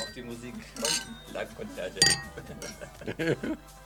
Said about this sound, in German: aber jetzt stoßen wir erst einmal an. Auf euch, Pride Weeks. Auf euch. Prost.